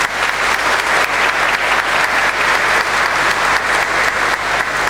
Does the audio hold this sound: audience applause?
yes